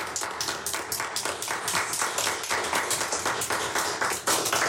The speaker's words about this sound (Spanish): Quiero que le demos un aplauso muy, muy fuerte a este equipo de lectoras.